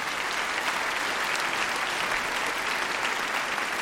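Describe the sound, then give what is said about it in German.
Steady, dense applause from a sizable audience at an orchestral concert, welcoming the trumpeters as they come in, continuous clapping with no pauses, fairly loud, with no one speaking over it. “Genau, ein Applaus für unsere Trompeten, die jetzt auch reinkommen dürfen.”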